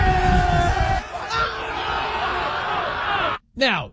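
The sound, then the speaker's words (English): A loud crowd of Knicks basketball fans roaring, cheering and yelling in a dense, sustained wall of voices, cut off abruptly before a brief burst of shouting resumes. “Listen to these highlights of Knicks fans just going crazy.”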